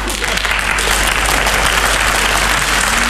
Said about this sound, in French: Et puis, quand ça a été fini, je suis revenu une dernière fois sous les applaudissements du public.